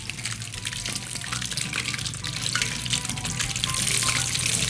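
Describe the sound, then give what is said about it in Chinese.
Food deep-frying in hot oil at about 170 degrees, a steady, dense crackling hiss that grows a little louder toward the end, with a low rumble beneath and no one speaking. “好，我们再让它炸。”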